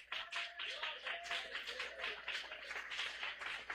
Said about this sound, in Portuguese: Então palmas que exaltam ao Senhor.